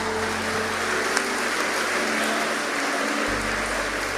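Steady audience applause, a dense crackle of many hands clapping at an even, fairly loud level for a few seconds, with no voices heard over it.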